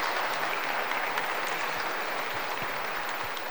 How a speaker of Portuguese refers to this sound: Saúdo o grupo do Ministério da Música, né? Constituída pelas nossas crianças, adolescentes, de qual comunidade? Santo Antônio do Capim Cheiroso. Uma salva de palmas a eles.